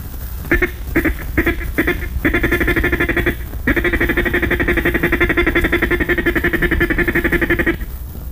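A duck call blown in a feed call: a few short choppy notes, then a long rapid rattling chatter of quacking clucks, loud with no talking.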